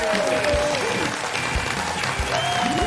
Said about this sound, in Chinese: 那接下来请上我们今天嘉宾，著名演员刘冠霖，掌声有请。